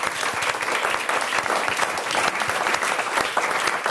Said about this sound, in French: Est-ce qu'on applaudit déjà, s'il vous plaît?